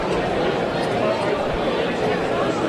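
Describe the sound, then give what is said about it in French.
A baseball crowd voices its disapproval of a ruling that the batter held back his swing, a steady, loud wash of murmuring and grumbling voices that holds without a break from start to finish. “La foule qui n'est pas d'accord.”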